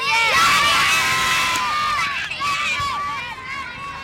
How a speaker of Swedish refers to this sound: Jublande barn där på Östermalms IP.